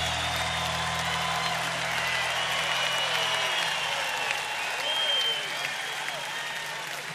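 A crowd applauds steadily for about seven seconds, a dense, even wash of clapping that stays loud throughout, with a few rising shouts or whistles cutting through.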